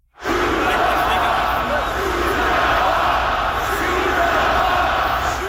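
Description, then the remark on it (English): A huge hockey arena crowd in Montreal, about 20,000 people, yells "shoot the puck" in unison: a loud, dense roar of thousands of voices chanting continuously for several seconds with no break. “Yeah, that is 20,000 people yelling, shoot the puck.”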